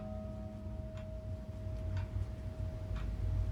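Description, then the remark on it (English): A small wooden clock from the grandparents' house, brought from Buffalo, ticks softly in a basement, about once a second, its faint clicks set against a steady electrical hum and low background rumble. No one speaks. “I appreciate you joining me in my basement again, where there is only one audible timepiece, a small wooden clock from my grandparents' house.”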